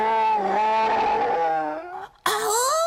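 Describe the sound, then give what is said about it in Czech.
A loud growl from Oskar, a friendly bear at Ušoun's fairy-tale kindergarten, greeting the listeners; it rumbles for about two seconds, breaks off in a brief pause, then resumes with a rising, throaty snarl. “Kamarádi, Oskar vás zdraví a říká, že medvěd na člověka nechce útočit, protože člověk není jeho obvyklá sváča.”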